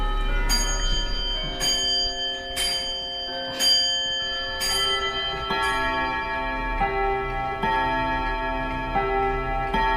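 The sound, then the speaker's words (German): Many wall and grandfather clocks in a clock repair shop chime together at the full hour, their gongs ringing at different pitches in overlapping strikes about once a second, leaving a dense, lingering metallic resonance. No one speaks. “Es gongt in allen Höhen und Tiefen.”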